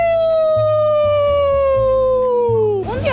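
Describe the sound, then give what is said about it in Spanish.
A person howls like a dog: one long, sustained, rich-toned cry that slowly glides downward in pitch, then wavers and breaks off at the end, with a low hum underneath. “A mí me gusta mucho aullar y la verdad siempre fue algo que me divertió a mí.”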